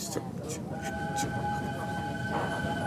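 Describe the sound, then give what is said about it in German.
A train rolls along the rails towards Beddgelert in Snowdonia National Park, with a steady, dense rumble, while thin high-pitched wheel squeals hold long and steady over the noise for most of the stretch. “Alle Musik hat den gleichen Rhythmus wie die Eisenbahn.”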